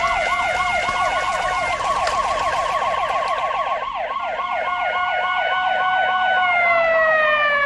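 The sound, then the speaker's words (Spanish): Sirens of three police cars blare at once as they arrive, their fast, rhythmic yelping wails overlapping loudly, sustained without a break and with no one speaking. “No puedes golpear a un policía. Tres autos”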